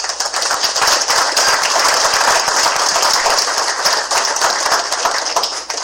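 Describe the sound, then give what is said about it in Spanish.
Sustained audience applause for people being recognized at a city event, a dense wash of many hands clapping at once, steady and loud for about six seconds before tapering slightly at the end, with no voices over it. “A esas personas que hoy se reconocen por ese esfuerzo, por la entrega, un aplauso a todos y cada uno de los presentes.”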